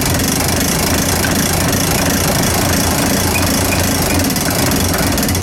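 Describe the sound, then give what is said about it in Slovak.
A tower clock weight being wound up while a small auxiliary weight keeps the clock running: a loud, steady mechanical grinding and rapid ratcheting clatter that continues without pause, with a low rumbling undertone and no talking. “A teraz môžeme kľudne natiahnuť.”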